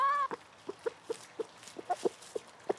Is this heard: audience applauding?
no